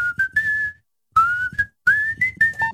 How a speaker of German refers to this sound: StarFM Maximum Rock am Mittwoch hier in deiner Rush Hour und da wird gepfiffen.